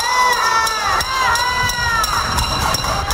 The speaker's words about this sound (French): Des résidents de La Havane manifestent en tapant sur des casseroles en raison des coupures de courant.